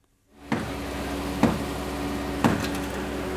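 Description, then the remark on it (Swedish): A man bangs a hammer on the concrete rubble of a collapsed house in La Guaira outside Caracas, trying to make a hole, in four sharp, evenly spaced blows about a second apart, ringing out over a steady low background hum. “En man bankar med en hammare för att försöka göra hål i betongen på det raserade huset i La Guaira utanför Caracas.”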